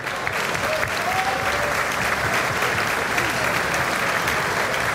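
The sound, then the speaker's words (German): Sustained applause from a large audience wishing two people well for their retirement, a dense steady clatter of many hands clapping at even loudness for the whole stretch, with a faint murmur of voices underneath. “Wir wünschen euch beiden mit einem riesen Applaus für den Ruhestand nachher und für ihren Lebensweg,”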